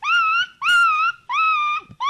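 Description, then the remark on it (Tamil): In a school mimicry performance, a student imitates an injured dog whimpering: four drawn-out, high-pitched whining cries in quick, even succession, loud, with no talking. “டேய், இது பேர் அடிப்பட்ட நாயிடா.”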